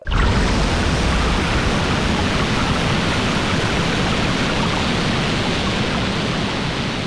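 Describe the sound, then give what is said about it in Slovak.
A loud, steady rush of coffee being poured, amplified into a dense, roaring hiss that holds constant for several seconds with no pauses or voices, simulating how hypersensitive children with autism hear everyday sounds. “To bolo zalievanie kávy.”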